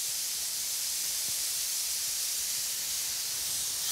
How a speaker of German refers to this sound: Das Spitzmaul-Nashorn genießt offenbar den massierenden Wasserstrahl. Vorsichtig muss die Tierpflegerin trotzdem sein, denn der tonnenschwere Koloss ist unberechenbar.